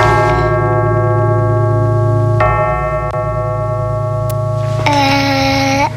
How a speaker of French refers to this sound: Il est tout en haut de la cloche. Après, le garçon touche la cloche, après on attend.